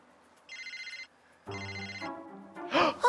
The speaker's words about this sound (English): My cell phone's ringing!